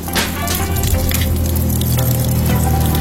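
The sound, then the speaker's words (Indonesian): Steady, continuous rush of water pouring from a tap left running in a bathroom, a dense watery hiss with light splashing textures throughout, loud, with no voices. “Loh, kok becek sih? Astaga Dewo, Dewo. Kenapa tidak matikan keran air?”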